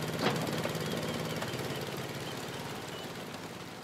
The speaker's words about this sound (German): Also das hier ist ein vollkommen ordinärer Honda Stationärmotor mit 9 PS und Fliehkraftkupplung. Ein wunderbares Gerät, kann man hier mit dem Tau anziehen, ne? Und läuft eigentlich relativ zuverlässig.